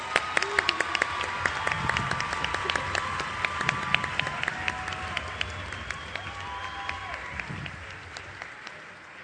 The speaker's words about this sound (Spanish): ¡Fuerte el aplauso!